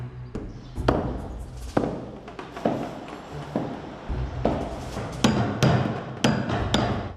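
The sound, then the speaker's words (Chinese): Sharp hammer blows drive hemp fibre and tung oil caulking into the plank seams of a wooden wupeng boat, about a dozen strikes at an uneven working pace over a low background rumble, with no talking. “桐油与麻丝交织，一寸寸垂入板缝，不能留一点空隙。”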